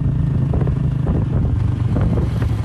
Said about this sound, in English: rides her motorbike from her home to her farmland, where she grows durian and bananas.